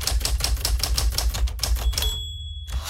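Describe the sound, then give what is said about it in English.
Rapid mechanical clacks from a manual typewriter, a steady run of sharp key strikes, ending with a brief ringing tone and a quieter pause. “Using a manual typewriter.”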